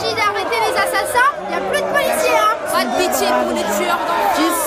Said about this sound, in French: Par la porte que l'on vient de déverrouiller pour nous laisser passer, parviennent jusqu'aux habitants des cris.